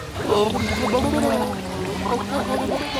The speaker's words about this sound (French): J'ai ma langue qui repousse l'eau. Et si je souffle, forcément ça fait des bulles.